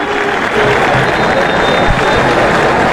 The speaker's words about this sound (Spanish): Y ahí va Wilmer López caminando a la par de Brian Ruiz. Y los aplausos de la grada para dos ídolos. Ahí van, escuchen.